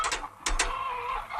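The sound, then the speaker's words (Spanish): A hen that has not laid an egg that day clucks in a few short, sharp bursts followed by a drawn-out, warbling cackle, moderately loud, with no talking, in a scene from a Berlanga film. “Dame la gallina.”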